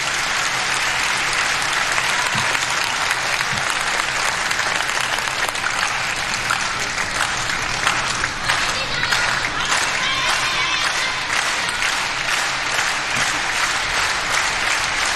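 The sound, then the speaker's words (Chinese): Spectators clap in a dense, fast, rhythmic pattern at a key stage of the score in the third game of a match, the applause steady and loud for the whole stretch with sharp, crisp hand claps running together. “现场的观众还是很懂球的啊，知道这个时候来到了第三局关键的比分段，也通过密集的快节奏的掌声来烘托氛围。”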